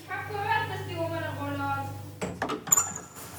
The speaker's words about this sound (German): mach mal die Tür auf. Wieso schließt du eigentlich immer ab?